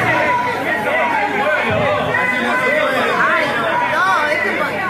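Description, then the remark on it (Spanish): A dense crowd in the Honorable Consejo Deliberante (town council) of Hurlingham babbling and shouting over one another, a steady loud roar of overlapping voices with rising, agitated cries poking through the din throughout. “Miren, a ver, se escuchan ahí griteríos.”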